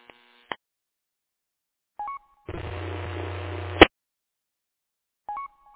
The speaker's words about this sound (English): Sorry, I'm walking in the wind. Yeah, it's also some kind of static, but I don't think it's from you. But I'm not really sure. But anyway, try to stay out of the wind, I guess.